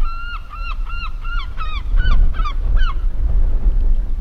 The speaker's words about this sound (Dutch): dan hoor je ze al, meeuwen